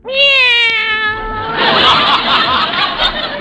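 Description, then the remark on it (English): A cat lets out one long, loud meow, then the sound turns into a rough, raspy yowl or hiss for a couple of seconds. Nobody speaks. “Cats do that to mice, as a rule.”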